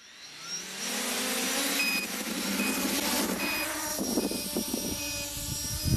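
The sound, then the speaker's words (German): Rotors of a homemade drone, built by a tinkerer from Saienogorsk and being tested, spin up from quiet into a loud, steady buzzing whir with a high-pitched whine, holding a constant drone for several seconds with a few rattling clicks near the end. “Starte die Rotoren.”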